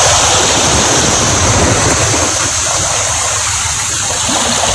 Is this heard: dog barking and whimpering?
no